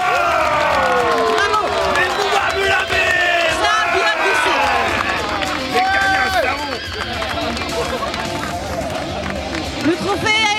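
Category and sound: crowd, crowd applauding and cheering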